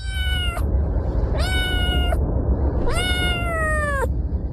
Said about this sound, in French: Alors c'est marrant d'entendre les miaulements de ces chats.